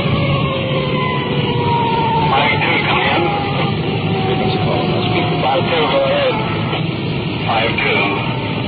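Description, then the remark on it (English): A police car siren wails loudly and continuously, its tone sweeping up and down over a steady engine rumble, as the police car runs code 3 to a call and approaches intersections. “As we approach each intersection, that siren hits such a high peak it's almost impossible to talk.”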